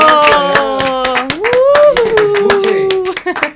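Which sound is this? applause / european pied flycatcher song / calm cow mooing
applause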